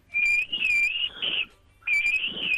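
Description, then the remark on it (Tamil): Someone imitates a pressure cooker whistle with a loud, shrill, high-pitched whistling tone held for over a second, a short pause, then a second sustained blast, clear. “இது வந்து பால் குக்கர் அந்த மாதிரி சவுண்ட் கேக்குது, ஆனா நல்லா இருக்கு.”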